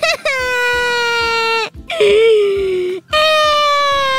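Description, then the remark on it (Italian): A person whimpers and cries in three long, high-pitched wailing moans separated by brief pauses, loud, with no talking. “Sì, sì, piagni che stasera poi ridi quando mi vedi sbranare a McDonald's e tu muta!”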